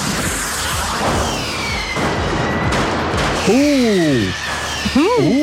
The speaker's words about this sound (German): Ich höre ein Feuerwerk.